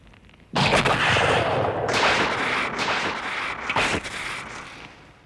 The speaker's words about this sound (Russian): Ух, ракеты вместе с газом взорвались. Хорош фейерверк.